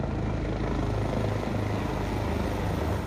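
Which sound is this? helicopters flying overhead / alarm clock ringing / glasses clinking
helicopters flying overhead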